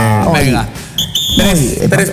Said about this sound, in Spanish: Oye, tres pitidos.